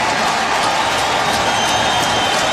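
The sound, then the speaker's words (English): A stadium crowd of better than 45,000 in Atlanta gives an ovation for Orioles star Cal Ripken: a dense, steady roar of clapping and cheering that stays loud and unbroken throughout, with no one speaking over it. “And those who are left in this crowd of better than 45,000 offer yet another ovation for the Orioles star in Atlanta.”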